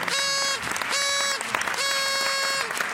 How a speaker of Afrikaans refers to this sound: Ja, ons mag nog langer klap. Ja, ons mag maar.